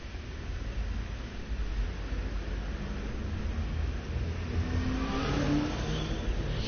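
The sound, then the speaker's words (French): Several cars pull away together as the traffic light turns green, engines revving and rising in pitch as they accelerate, with a steady roar of traffic underneath and no voices. “Le feu est vert.”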